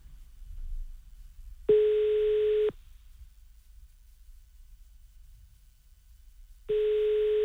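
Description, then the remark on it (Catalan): A phone ringback tone with two steady, one-second electronic tones about five seconds apart, fairly loud and clear over a quiet low background hum, with nobody answering. “No cole, no cole. Ho provem amb el Boris, si no.”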